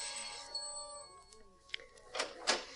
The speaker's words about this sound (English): I jumped out of the cab almost before it stopped, rushed up the 3 stone steps and pulled at the bell knob.